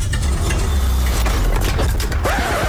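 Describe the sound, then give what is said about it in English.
A car engine sputters, chugs and stalls, a loud, uneven low rumble that runs steadily through the whole moment with no voices over it. “you sure this car will get us home?”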